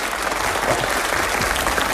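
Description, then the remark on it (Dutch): Steady applause for a guest on a programme about Dutch television shows fills the whole two seconds: a dense, loud wash of many hands clapping with no pause or talking. “Kippenleuk. Applaus.”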